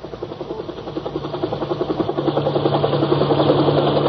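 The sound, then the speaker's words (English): A helicopter's rotor thumps in a fast, steady rhythm over a low engine drone, growing louder as it flies overhead toward a scene of wreckage, with no voices. “Overhead, a helicopter windmilled toward the shambles.”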